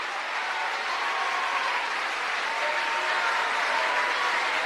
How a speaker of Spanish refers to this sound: ¿Cuánto le dan un aplauso al alfarero?